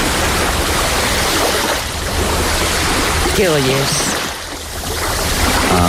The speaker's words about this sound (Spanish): Es el mar. ¿Y qué más? Mar, nada más, yo creo. Nada más.